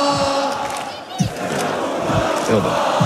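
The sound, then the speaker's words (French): A large crowd of Paris football supporters celebrating back-to-back European champion titles chants together, with president Nasser Al-Khelaïfi acting as crowd warm-up, in a dense, sustained roar, with rhythmic surges and shouted bursts rising over the continuous wall of voices. “Le président Nasser Al-Khelaïfi prend une première fois la parole, il appelle ses supporters à faire la fête dans le calme, et il se transforme même en chauffeur de foule.”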